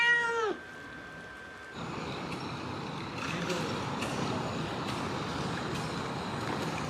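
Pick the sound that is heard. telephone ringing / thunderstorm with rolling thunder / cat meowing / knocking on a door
cat meowing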